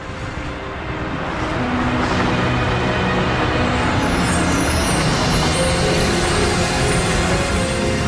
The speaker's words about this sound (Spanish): Una mujer conduce un auto. Es consciente de su entorno, de los demás vehículos y de su manejo del coche.